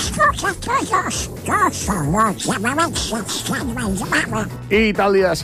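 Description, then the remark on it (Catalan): The raspy, quacking voice of Donald Duck, the Walt Disney cartoon character, chatters in rapid, garbled bursts for several seconds, loud, a human voice imitating a duck's quack. “Tenia lloc la primera aparició de l'Ànec Donald, personatge de dibuixos animats creat per Walt Disney, clàssic, i ho feia, la seva primera aparició, el curtmetratge La gallineta sàvia.”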